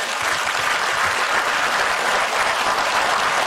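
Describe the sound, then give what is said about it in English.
A crowd breaks into steady, dense applause, a continuous wash of many hands clapping at an even, fairly loud level for several seconds, with no voices standing out. “And not even a golf clap when I say it.”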